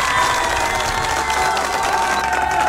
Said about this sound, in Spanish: que de verdad se merece un aplauso, ¿no? Por animarnos en esta noche, por favor.